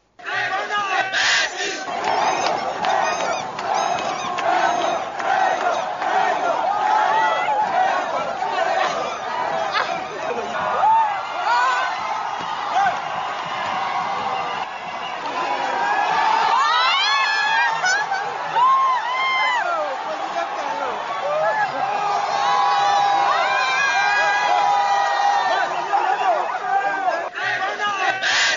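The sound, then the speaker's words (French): A large crowd cheers and chants in unison during President Patrice Talon's walkabout, many voices shouting rhythmic phrases such as "président Talon" and "président merci" over a continuous roar of excited chatter, loud and sustained throughout. “Voilà, on a entendu dans la foule, président Talon, à bon nom, président merci, un peu comme pour lui dire au revoir.”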